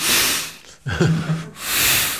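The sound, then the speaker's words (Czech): A person imitates an elephant that came up to their car snorting through its trunk: a loud breathy rush of air, a brief low voiced honk in the middle, then another forceful exhaled whoosh. “A najednou se jako přiblížil k tomu našemu autu a začal takhle tím chobotem.”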